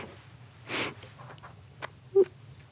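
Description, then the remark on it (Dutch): A voice mimics tender, affectionate sniffing given in place of kisses: a long breathy inhale followed by a few short, soft sniffs and a brief nasal snort, fairly quiet, with no talking. “Mijn mama gaf geen kusjes, die gaf snufjes. Ja. Die snufte zo.”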